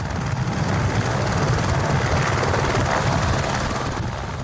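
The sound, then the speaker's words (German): An Airbus Ecureuil AS350 helicopter, powered by an 850 PS turbine and stripped of nonessential parts, climbs on a flight toward Mount Everest; its rotor thrums steadily and loudly for several seconds, a dense continuous chopping roar that stays unchanging, with no voices. “Jetzt steigt der Ecureuil AS350, der von Airbus gebaut wird, Meter um Meter, angetrieben von einer 850 PS Turbine.”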